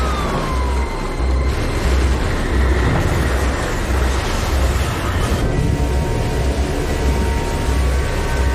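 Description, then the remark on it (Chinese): A tornado's loud, unbroken roar rumbles like an oncoming train, dense for the whole stretch, with a faint wailing tornado warning siren tone sliding down near the start and no voices. “我能听到龙卷风的咆哮声，就像一列火车迎面冲来。”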